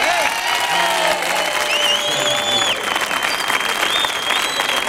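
An audience applauds steadily for the whole stretch, a dense, loud wash of clapping from a sizable crowd, with a few whistles and faint cheers rising above it.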